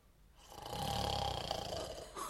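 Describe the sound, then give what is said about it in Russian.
A person in bed snores in one long, rasping inhalation, loud, with a gritty rattling texture that swells and holds before easing off. No one speaks. “Где это так храпят?”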